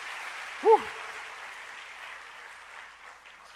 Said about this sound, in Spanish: No, un aplauso para los muchachos, lo hicieron muy bien, qué bien.